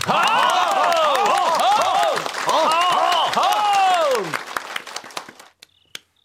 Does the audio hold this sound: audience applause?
yes